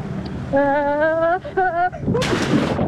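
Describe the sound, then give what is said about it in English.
A person lets out a long, wavering yell for over a second, then a loud, broad watery splash hits as someone jumps from a platform and plunges into the salty sea, rushing for almost a second before cutting off. “Okay, I made it to the platform in one piece. Let's start this one. Let's start with a baby jump.”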